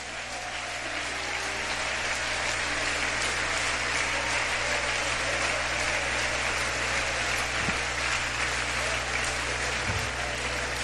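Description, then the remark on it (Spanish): An audience breaks into sustained applause for God, the King of Glory, a dense, steady wash of many hands clapping at an even loudness for about eleven seconds, with no voices standing out above it. “Alguien puede aplaudir al Rey de Gloria en su casa.”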